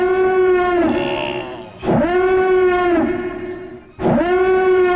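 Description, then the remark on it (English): The Imperial Star Destroyer warning siren from Star Wars blares in loud, repeating blasts, each a buzzy, harmonic-rich tone about two seconds long that swoops up at the start and sags at the end. No one speaks. “He says, Jack, what about the Imperial Star Destroyer warning siren?”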